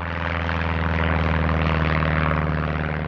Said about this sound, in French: Lancé dans son aéronef, Roland Garros survole la Corse, puis la Sardaigne. À tout ça sans s'arrêter, il relie la Tunisie en moins de 8 heures.